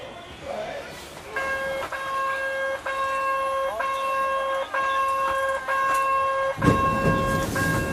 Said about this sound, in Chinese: 我们到达时，一列满载市民和游客的森林小火车即将发车。 这个火车特别复古啊，就是像那个以前的那种刚刚有火车时候这种小车厢，咱们也上去看看。